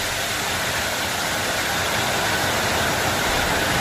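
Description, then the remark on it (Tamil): Steady, dense rain pours down without a break, a continuous hiss of countless drops with a soft low rumble underneath and no voices. “இந்த மழை சத்தம் அப்படின்றது நமக்கு ஒரு பெரிய அமைதியை கொடுக்குங்க.”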